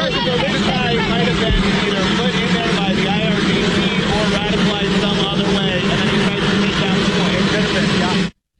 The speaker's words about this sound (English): All right, so kind of hard to hear there with the plane in the background